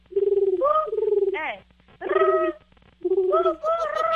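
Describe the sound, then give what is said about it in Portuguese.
A woman imitates a pigeon cooing with her voice as a contest challenge, making three loud, drawn-out vocal coos separated by short pauses, each with a wavering, throaty tone. “Mas, ó, vai ter que imitar o barulho de um pombo, consegue?”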